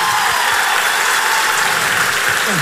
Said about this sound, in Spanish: Estamos muy complacidos de que hayamos llenado dos funciones en la Sala Zita Rosa. Estamos haciendo un poco historia porque este género jamás estuvo acá en la Sala Zita Rosa. Así que un aplauso para ustedes por estar hoy aquí.